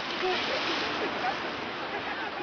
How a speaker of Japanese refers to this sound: ここで見られるのが潮吹き岩。浸食によってできた岩の穴から波が打ち寄せるたびに勢いよく海水が吹き上がります。